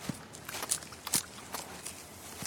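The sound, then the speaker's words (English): A voice imitates a quokka munching and crunching on leaves and fruit: irregular crisp crunching and smacking bursts, about five or six moderately loud chomps spread unevenly over a couple of seconds, with quiet pauses between. “Can you be a quokka, munching and crunching on some leaves and fruit?”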